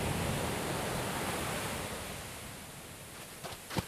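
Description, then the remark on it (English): A steady roar of crashing ocean waves swirling over where big rock pools had been on a beach as the tide comes in, broad and washing, slowly easing in loudness with a few brief splashes near the end. “Where the big rock pools had once been, there were now swirling masses of crashing waves.”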